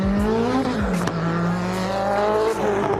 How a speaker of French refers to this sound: On entend bien le turbo qui siffle. Oh, ça bombarde, hein. Ça arrive vite quand même, hein.